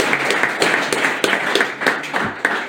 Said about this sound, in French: Applaudissements. Pour notre super président.